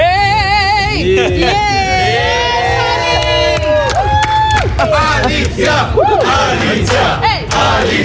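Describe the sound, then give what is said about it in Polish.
Loud, sustained applause from journalists in the Eurovision press centre in Vienna, greeting a singer after Poland qualified for the grand final, with many voices cheering and whooping over the clapping throughout. “Po ogłoszeniu wyników … pojawiła się w centrum prasowym, gdzie została przywitana przez dziennikarzy gromkimi oklaskami.”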